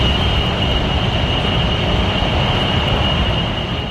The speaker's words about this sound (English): County is known as the data center capital of the world, but residents who live next door to some of them say they're producing noise that's not only annoying, but debilitating. Imagine hearing loud hums or white noise like this right here.